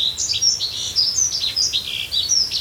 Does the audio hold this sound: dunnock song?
yes